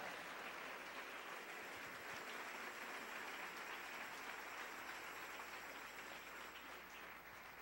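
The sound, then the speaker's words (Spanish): A church audience applauds to the Lord during a Spanish-language evening sermon, a dense, even wash of many hands clapping that holds at a constant loudness throughout without pausing or swelling. No voices come through. “Dele ese aplauso al Rey en esta hermosa noche.”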